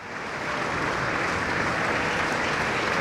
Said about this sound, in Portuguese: Palmas para …, na Voz do Operário, e também ao Operário de tantos poemas e canções da língua portuguesa, no último adeus um mar de outras vozes que juntas compõem o … por ….